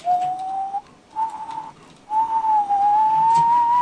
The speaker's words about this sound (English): And just when I think my lungs will burst, Daddy's whistle starts up, rich and low.